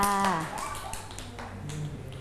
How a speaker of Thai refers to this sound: เก่งมากค่ะเด็กๆปรบมือ